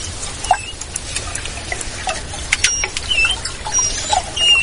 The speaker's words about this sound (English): That's what manatees sound like when they're communicating in the warm,